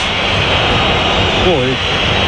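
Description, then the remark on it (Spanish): A stadium crowd at the Bernabéu whistles at halftime of a Real Madrid match standing 0-0, a loud, steady wash of massed whistling and noise, with a brief wavering whistle tone rising above it near the end. “Primera parte, quiero escuchar primero al Bernabéu. Pitidos.”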